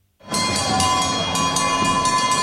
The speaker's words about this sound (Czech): Za Kanadu nastoupil Sidney Crosby a přivítal ho na stadionu i zvuk, který z NHL nezná. Byly to pro Švýcarsko typické kravské zvony.